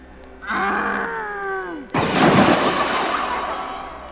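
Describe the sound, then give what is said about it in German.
A voice lets out a long, sliding groan, then a loud crash of the wolf falling into a well cuts in, its noisy rumble lingering for a couple of seconds. “Der Wolf ist in den Brunnen gefallen.”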